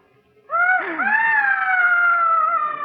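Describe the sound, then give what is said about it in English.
Screams from upstairs: a loud, high-pitched scream begins after a moment of quiet and holds as one long, wavering wail, with a brief lower vocal cry breaking in near its start. “It's those screams.”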